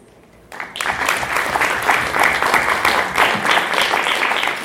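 After a brief hush, audience applause breaks out suddenly at the end of a presentation and holds steady, a dense, even crackle of many hands clapping at a fairly loud level with no voices over it.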